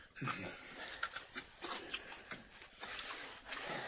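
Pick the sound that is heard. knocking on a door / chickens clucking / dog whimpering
dog whimpering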